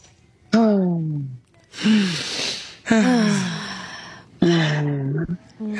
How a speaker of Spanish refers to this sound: Entonces, yo respiro y ustedes sincronizan con mi respiración, ¿ok? Okay. Y luego después, ustedes me van dando su respiración. Ahí va.